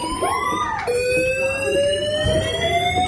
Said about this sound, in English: Uh-oh. Fire alarm. Fire alarm. Which didn't stop for 30 minutes. Someone had set off the restaurant fire alarm so everyone could hear this non-stop. They couldn't even, there had been no fire.